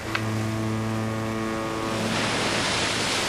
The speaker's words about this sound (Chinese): 报告总监，大风到来了。风力达到7级。报告总监，流浪加大，能源站平台上浮摆动6米，在安全参数之内。